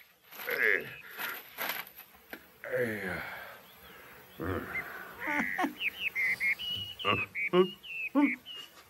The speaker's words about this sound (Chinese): 哎，啄木鸟啊！我把鼻子包起来，哎，哎呀！